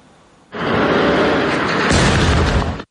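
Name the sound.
explosions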